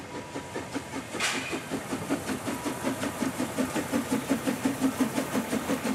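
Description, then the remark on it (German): A special train with two locomotives crosses the road by the village church of Babe in the rain, its steady rhythmic chugging and clacking pulsing evenly throughout, with a brief hiss of steam near the start and no voices. “An der Dorfkirche von Babe quert ein Sonderzug die Straße.”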